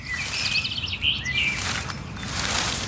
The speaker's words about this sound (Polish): No tak, jak zwykle, kiedy chcę posłuchać śpiewu ptaków, to nie ma ani jednego. A teraz to tylko wykrzykujecie. No teraz chyba zrobiły sobie zebranie. No ptasie radio normalnie